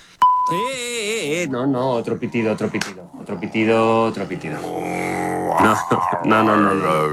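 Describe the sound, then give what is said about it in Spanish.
A short, steady mid-pitched censor beep sounds once near the start, about half a second long, then gives way to a voice speaking in a drawn-out, sing-song way. “No, otro pitido.”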